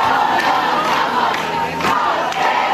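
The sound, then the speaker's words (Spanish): A large crowd of protesters at a night encampment of tents in the Puerta del Sol, on a cold night, fills the air with a steady, loud roar of overlapping voices, with occasional shouts and raised cries rising out of the dense murmur. “En efecto, la bajada de temperaturas no ha impedido que esta noche se haya juntado mucha más gente que las dos anteriores.”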